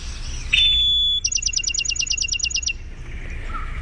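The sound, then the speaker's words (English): A Bachman's Sparrow sings a single long, clear, high whistle, followed by a rapid, evenly spaced trill of about fifteen sharp high notes, over faint background hiss. “Let's listen closely for the trill, the long whistle and the trill.”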